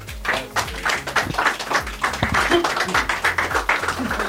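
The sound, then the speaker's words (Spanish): An audience breaks into sustained applause for the members of Radio Santa Cruz, dense overlapping claps going steadily for several seconds, with murmuring voices and crowd noise mixed underneath. “Así que para todos ustedes, un gran, gran aplauso.”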